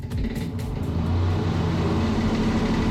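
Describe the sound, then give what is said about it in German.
A fan's steady, continuous whirring drone with a low motor hum and a broad airy hiss, holding an even loudness throughout with no voices. “Und falls euch jetzt schon heiß ist, ist hier ein akustischer Ventilator für euch.”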